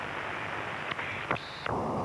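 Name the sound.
radio static interference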